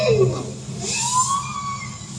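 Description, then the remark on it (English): A bowhead whale vocalizes underwater in the Arctic, recorded by scientists with a hydrophone deployed from a research vessel: a few sweeping, siren-like tonal moans rise and fall over a steady low rumble, with no voices present. “That's a bowhead whale.”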